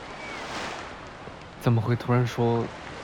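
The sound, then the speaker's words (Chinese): A steady, hissing wash of ocean surf and sea wind at the shore at sunset fills the air, with a voice making three short vocal sounds over it toward the end. “虽然在天上也能看到日落，但是少了这样的海风和海浪，就感觉平平无奇。”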